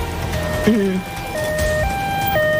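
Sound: ambulance siren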